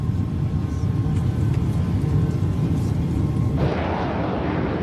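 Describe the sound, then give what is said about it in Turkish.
A crashing aircraft, Charlie 1581, falling after colliding with another plane: a dense, steady roar with heavy low rumble throughout, turning harsher and hissier for the last second or so, with no voices. “Düşen bir uçak var.”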